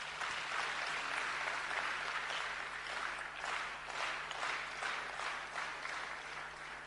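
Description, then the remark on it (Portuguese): A crowd at an Africa Day commemoration in May applauds steadily, a dense wash of many hands clapping that holds at an even level for several seconds, with no voices over it. “Uma parte aqui presente, quero pedir uma grande salva de palmas.”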